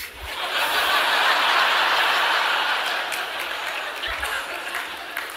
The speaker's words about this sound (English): Now, I got a few claps on that, which I'm not asking for, but that's what excites men.